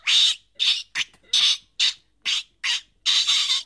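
A young lory parrot squawks repeatedly in loud, harsh bursts, about eight shrill calls in a choppy rhythm, alone with no talking.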